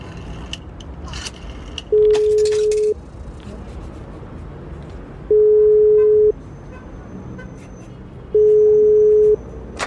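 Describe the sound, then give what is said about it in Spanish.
A call from a public telephone rings back three times, each steady electronic tone lasting about a second with long pauses between, heard through the receiver over faint outdoor traffic noise. “mi papá, muy preocupado, me había pedido que lo esperara sentada en la banca frente a nuestro auto mientras él hacía una llamada por teléfono público.”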